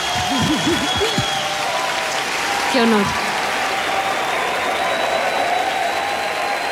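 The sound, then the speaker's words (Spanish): A crowd claps steadily for the whole stretch, a dense, even wash of applause with no breaks, while a voice briefly speaks over it near the start. “¡Un fuerte aplauso!”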